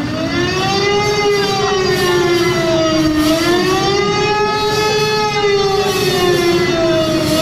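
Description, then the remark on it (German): A large bus with the lettering "Adenauer", standing in the middle of a square, sounds a loud, continuous alarm siren at 6 p.m. sharp, its pitch slowly rising and falling in smooth waves, with a steady rumble of noise underneath and no voices. “Mitten auf dem Platz steht mittlerweile ein großer Bus mit dem Schriftzug Adenauer und der macht dann Punkt 18 Uhr auch richtig Alarm.”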